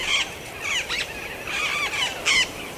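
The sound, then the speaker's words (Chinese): A flock of swift parrots, drawn by the protein-rich pollen of a male tree, calls in quick bursts of shrill, squeaky chatter, several high-pitched squawks overlapping in an uneven, busy rhythm with no voices present. “雄树富含蛋白质的花粉吸引来了一群南方追尾鹦鹉，这是它们在繁殖季节到来之前急需的营养补充。”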